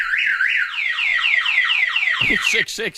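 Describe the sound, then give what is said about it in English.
A Viper car alarm blares loud, repeating a rapid rising-falling siren chirp in quick succession, then switching to a different warbling tone pattern near the end. “There's the Viper alarm.”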